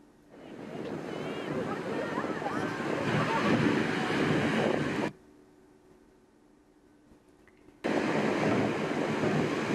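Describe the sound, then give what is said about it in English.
Ocean waves breaking on the beach at Seabright State Beach in Santa Cruz, California, in a loud, steady roaring wash that drops away suddenly for a few seconds, then surges back just as strongly. “I was walking along the beach and the waves just kind of turned in a heartbeat.”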